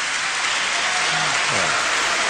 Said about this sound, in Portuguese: Depois da votação, os deputados da esquerda levantaram-se a aplaudir, dirigiram-se a quem estava nas galerias, que também aplaudia, uma atitude condenada pelo Presidente do Parlamento.